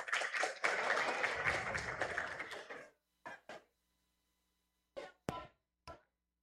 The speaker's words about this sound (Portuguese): Uma salva de palmas para os nossos participantes.